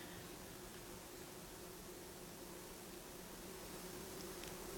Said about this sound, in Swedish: Och vi, alltså de här humlorna, det tog mig när vi kom ner nu. För vi klättrade liksom lite ner på sidan här. Och så när vi kom ner så är det ju humlorna, det är ett surr.